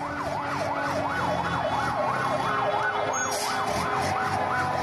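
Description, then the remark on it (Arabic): Emergency sirens from civil defence vehicles and ambulances arriving at the Hijaz area near the Palace of Justice in Damascus after an explosion wail continuously in a rapid rising-and-falling pattern, loud, over a steady rumble of traffic with no talking. “لسيارات الدفاع المدني وسيارات الإسعاف تصل إلى منطقة الحجاز بالقرب من القصر العدلي في دمشق”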